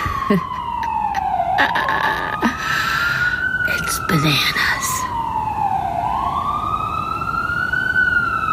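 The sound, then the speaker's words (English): Ambulance sirens wail continuously outdoors on a sunny morning, heard through an open window, one slow rising-and-falling tone joined by another partway through, over a steady hum of city traffic, while a person speaks briefly. “Every one of those sirens, I just think, is, you know, some poor person who can't breathe.”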